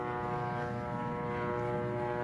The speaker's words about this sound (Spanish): Tantos aviones no abandonan el cielo de Rafa. Hubo más de 5 ataques en las últimas horas.